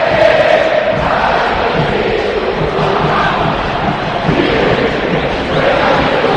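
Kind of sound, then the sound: crowd, football stadium crowd chanting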